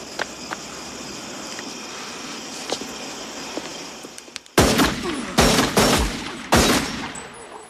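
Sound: gunshots fired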